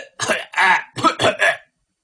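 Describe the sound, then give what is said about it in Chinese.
A short fit of coughing from an old prison guard in the distance, given as a prearranged signal that time is up: about five hoarse, raspy coughs in quick succession, moderately loud, then silence. No one speaks. “好，就这个时候，就听见了老狱官在远处发出了一阵咳嗽声。”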